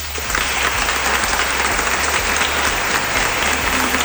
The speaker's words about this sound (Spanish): Pues ahí está la ovación también de los miembros presentes en esa gala del Reconquista, en esa sala del Reconquista, mejor dicho.